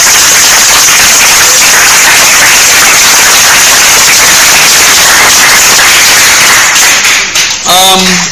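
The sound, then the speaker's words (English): An audience at a quiz bursts into loud, steady applause after a correct answer, a dense crackle of many hands clapping for about seven seconds before it thins out and a voice starts speaking. “A round of applause.”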